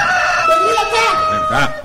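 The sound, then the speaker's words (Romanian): A rooster crows loudly, a strained, wavering cock-a-doodle-doo that rises and falls over about two seconds with no talking. “Cocoșul iar de glas și se zbate.”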